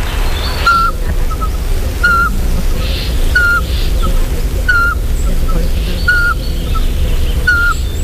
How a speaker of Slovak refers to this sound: Snažím sa privábiť našu najmenšiu sovu, kuvička vrabčieho